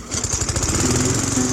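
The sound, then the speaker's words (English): A lawn mower engine runs steadily, its loud, rapid low-end putter chugging continuously with a buzzy, droning tone throughout, as someone mows the lawn outdoors on a beautiful day. “I think I'm going to start mowing the lawn.”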